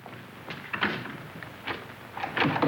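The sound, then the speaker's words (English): The handle of a locked door is jiggled and the door rattled in its frame several times in irregular bursts, with no voices. “What's the idea of locking this door?”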